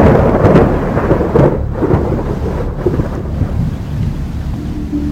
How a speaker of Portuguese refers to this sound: Mas quando anoiteceu, uma tempestade desabou sobre a nossa vila.